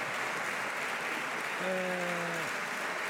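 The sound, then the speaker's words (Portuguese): Steady, dense standing applause from José Luís Carneiro's bench in parliament fills the whole stretch at an even level, with a short sustained voiced tone rising briefly over the clapping partway through. “Ainda assim, a receber os aplausos da sua bancada de pé.”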